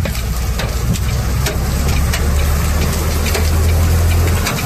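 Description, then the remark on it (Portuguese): Hailstones larger than chicken eggs pelt down near the Guarani junction on the road to Santo Ângelo, in northwest Rio Grande do Sul, Brazil, in a dense, irregular clatter of sharp impacts over a constant loud roar, with a steady low engine rumble running underneath throughout. “Agora tá descendo umas pedras maiores que ovo de galinha.”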